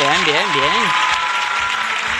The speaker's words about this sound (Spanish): Vale, un aplauso.